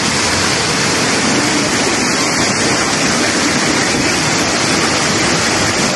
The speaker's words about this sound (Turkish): Arabalar şu an gidemiyor. Her taraf taştı. Kimi aracında mahsur kaldı, kimi motosikletini taşkın sularına kaptırdı. Motorları su götürüyor.